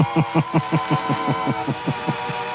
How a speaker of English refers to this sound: Hans gets his car and drives to Monsieur Gallet's home.